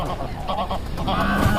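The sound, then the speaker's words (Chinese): Greylag geese honk in a dense, overlapping chorus as adult geese try to drive away a crow approaching their goslings, harsh nasal calls repeating rapidly, fairly loud and continuous for the whole moment with no voices. “乌鸦迅速落到了灰雁旁边，”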